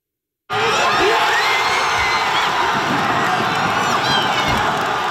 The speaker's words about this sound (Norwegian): Heftig jubel under nattens VM-kamp. På universitetet har forskerne fått merke feiringen.